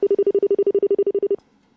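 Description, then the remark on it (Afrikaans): A telephone rings for an incoming call with a loud electronic trill of rapid, evenly spaced pulses, cut off abruptly after just over a second, then near silence. No one speaks. “jy moet net weer probeer skakel, asseblief, sê ek nou vanmorgen, asseblief.”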